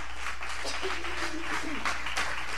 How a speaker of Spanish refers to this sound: Denle el aplauso fuerte al que vive y reina.